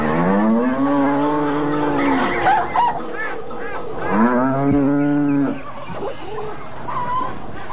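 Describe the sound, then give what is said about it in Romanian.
Cattle moo loudly and repeatedly in an old man's farmyard, long drawn-out lowing calls overlapping one another, with a steady farmyard murmur underneath as the yard fills with poultry and herds of cattle. “Îndată se umple ograda moșului pe lângă păsări și deșirezi de vite.”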